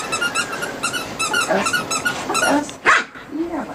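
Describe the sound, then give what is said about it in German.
A female dog barks and yelps excitedly several times as she repeatedly chases and fetches a squeaky ball thrown across the lawn of a terraced-house garden in Wiesbaden-Bierstadt. The ball squeals repeatedly in quick bursts, with a brief growl-like whine near the end. “Ein Quietscheball fliegt über den Rasen eines Reihenhausgartens in Wiesbaden-Bierstadt.”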